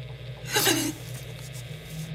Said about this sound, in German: Nichts als Rauschen. Es ist wie verhext.